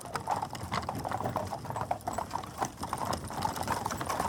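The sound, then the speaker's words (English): Hooves of a horse pulling a cab in Paris late at night clip-clop at a steady, brisk trot, a continuous run of sharp clacks on hard pavement, moderately loud, with no talking. “Finally, I climbed into a horse-drawn cab and gave the driver the address.”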